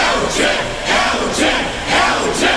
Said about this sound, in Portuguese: Estão gritando.